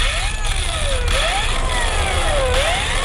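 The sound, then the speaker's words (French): A steady idling boat engine rumbles low in the fishing port of Tyre in late June, with a wavering whine rising and falling over a constant wash of background noise. “Le port de pêche de Tyr est calme en cette fin juin.”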